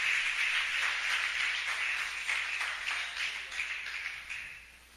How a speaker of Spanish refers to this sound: Dele un aplauso al Señor por los hermanos del Tamarindo que vienen a orar aquí. Al Señor, déselo.